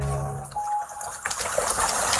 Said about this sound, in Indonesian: Kok hujan? Aduh, gimana ini?